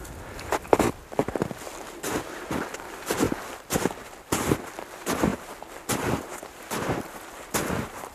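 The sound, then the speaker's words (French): Steady footsteps walking step by step up a windy mountain slope toward a pass, a dozen or so crunchy, scuffing steps in an even rhythm over a faint windy hiss, with no voices. “Nous approchons pas à pas du côté.”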